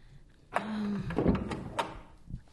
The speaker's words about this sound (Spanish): Alguien está tocando la puerta, mamá.